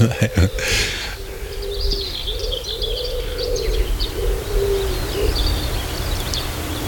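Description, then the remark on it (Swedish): A dove coos steadily in low, repeated phrases, while higher bird calls and chirps scatter above it and a brief rustle sounds at the start. “Ja, de får jobba lite för att överrösta duvan.”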